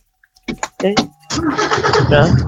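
A truck engine cranks in a few short, rough bursts, then catches and roars into a loud, steady rumble close by.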